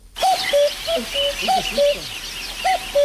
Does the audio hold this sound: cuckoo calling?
yes